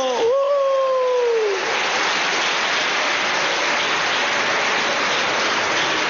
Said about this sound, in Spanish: A ver, los niños, los adolescentes, los jóvenes, menores de 25 años de pie, démosles un aplauso.